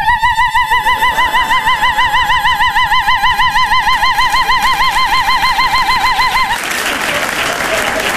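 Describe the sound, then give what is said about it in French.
A voice imitates a car alarm with a steady, rapidly warbling high-pitched wail lasting about six seconds, loud, before it breaks off into a burst of crowd noise. “De toute façon, si quelqu'un me touche, je me déclenche comme l'alarme.”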